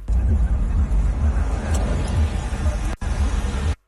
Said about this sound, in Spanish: andamos en el carro